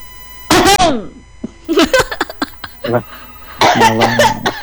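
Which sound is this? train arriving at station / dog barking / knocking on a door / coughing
coughing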